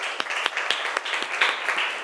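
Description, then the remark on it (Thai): A class of students applauds loudly for a representative from group 3 after a presentation, a dense, steady patter of many hands clapping with a few sharper individual claps standing out, loud throughout, with no one speaking. “ดีมากค่ะปรบมือดังๆให้ตัวแทนจากกลุ่มที่3ค่ะ”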